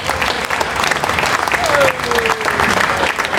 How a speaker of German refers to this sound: Und ich möchte mich heute von Herzen bei allen Ehrenamtlichen bedanken, weil ohne euch wäre dieses Heinerfest nicht möglich. Ein Applaus für alle Ehrenamtler, bitte.